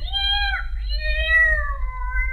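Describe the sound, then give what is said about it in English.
A cat lets out a long, drawn-out meow that wavers and bends in pitch partway through, clear over a steady low background rumble. “speaking of cats, I wonder where the kitty is”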